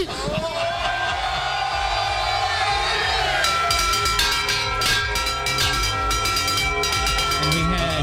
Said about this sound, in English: Not one, but two bells, because they had the whole team was up with the on the lighthouse doing that bell, and then Adam Vinatieri was down on the field with his own special bell. We're doing the double bell, so that's why it sounded so crazy.